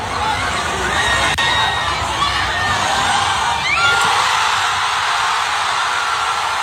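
A large crowd cheers and shouts outdoors on West 10th Street, a city street, at 12 o'clock as a game ends, in a continuous loud roar, with scattered whoops and high-pitched yells rising above the dense wash of voices, echoing.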